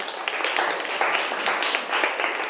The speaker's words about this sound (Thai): ถูกต้องค่ะปรบมือให้เพื่อนหน่อย